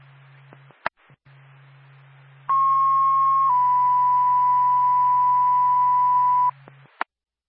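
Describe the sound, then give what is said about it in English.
Fire dispatch paging tones for the Lancaster Fire Department over a radio channel, alerting a call to a carbon monoxide alarm activation in Lancaster: a steady high tone holds about a second, then shifts to a slightly lower tone held several seconds, loud, between squelch clicks and low hum. “NORPAC Lancaster Fire Department, standby for tone.”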